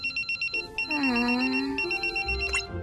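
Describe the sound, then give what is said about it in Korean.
A phone rings with a quick pulsing electronic trill that turns into a brighter melodic ringtone. It is fairly loud, with no voices. “시아야, 네가 깜빡했을까봐 전화했어”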